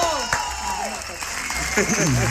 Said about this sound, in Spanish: Muy bien. Bien. Un aplauso, por favor.